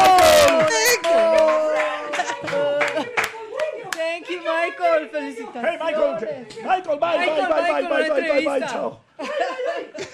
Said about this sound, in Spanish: ¡Aplausos